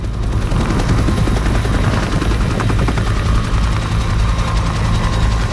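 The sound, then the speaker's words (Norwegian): The powerful rotor of an 11-tonne helicopter thunders as it lifts straight up at takeoff, bound for Flesland airport in Bergen in good visibility and a fresh breeze: a loud, steady rapid chopping with a deep engine roar filling the whole clip, no voices. “Den kraftige rotoren drar det 11 tonn tunge helikopteret rett opp.”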